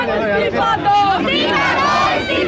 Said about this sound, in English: I've heard lots of slogans being shouted, calling for the education minister, Dharmendra Pradhan, to resign, which of course is the key main first demand that these protesters are making.